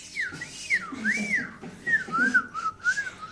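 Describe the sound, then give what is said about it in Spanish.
Someone whistles a short, lilting tune up close, the pitch swooping up and down in smooth waves across several phrases, with faint low background murmur underneath. “Y silbaba mientras hacía.”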